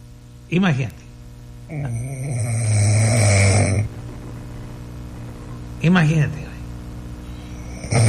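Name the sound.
snoring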